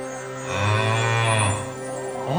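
A single long, low mooing bellow from a golden calf statue made to sound as the wind blows through it, swelling and holding steady for over a second before sliding upward and fading, with no talking.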